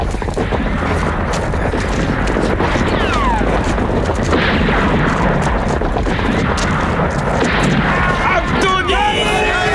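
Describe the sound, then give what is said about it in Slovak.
Heavy, continuous gunfire crackles through a loud, chaotic din, with sharp shots overlapping one another, galloping hooves and indistinct shouting voices mixed in. “Strieľajte do nôh.”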